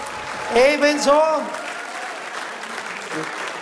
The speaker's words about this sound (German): Und es gibt eine Tradition, dass zum Schluss von Kaltenhausener Gstanzlsinger alle Mitwirkenden auf die Bühne kommen. Also die Blusenköpfe, einen kräftigen Applaus, bitteschön, auf die Bühne.